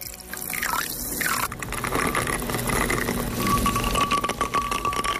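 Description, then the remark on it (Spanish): A rum and lime drink being poured into a glass in a kitchen in Megalochori at sunset, a steady splashing, gurgling stream with shifting pitch as it fills, with no talking. “Hoy las bugambillas y el olor a lavanda seca le dan un toque diferente a la puesta de sol, mientras el ron con lima se prepara en la cocina.”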